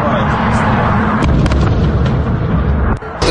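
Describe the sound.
Loud, dense rumbling of explosions following missile strikes fills the scene, punctuated by a few sharp bursts and cracks, with indistinct voices faintly underneath.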